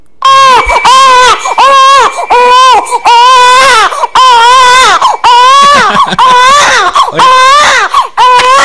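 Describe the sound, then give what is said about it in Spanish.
A baby girl crying loudly and continuously, with repeated high-pitched wailing bursts separated by brief breaths, each cry rising and falling in pitch. No talking is heard. “Pienso que esta niña va a ser locutora, que no escúchela.”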